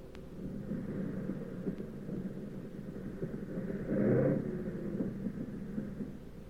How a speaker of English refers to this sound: But we came in okay, with one engine sputtering and the fuselage full of holes.